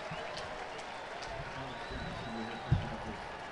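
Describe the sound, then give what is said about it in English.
A stadium crowd of Twins fans, on their feet, applauds a player's Major League debut in a steady, dense wash of clapping and murmuring voices that holds an even level throughout, with one brief low thump near the end. “And a nice round of applause from the Twins fans here in attendance for Ben's Major League debut. Crowd on their feet.”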